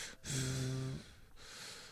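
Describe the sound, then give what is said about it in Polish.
A pet, Enki, waiting in the background, snorts with a short, throaty, voiced huff, followed by quieter breathy panting that continues steadily to the end, with no one talking. “A tam cóż, Enki taki biedny czeka w tle i tak zaraz będzie sapanie słychać takie...”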